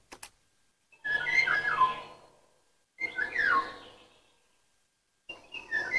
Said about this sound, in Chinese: 鸟鸣呗。 是哪种鸟？ 不是黄鹂吧？我也搞不懂，这我还真不知道。